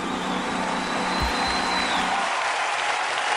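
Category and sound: crowd, audience applauding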